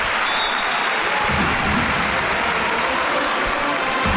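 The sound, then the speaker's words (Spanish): A large basketball crowd at a match involving Málaga's Unicaja applauds as the players return to the court and play resumes, a dense, steady roar of clapping that holds at a loud, even level for about four seconds, with no voices standing out. “Ahora aplaude el público.”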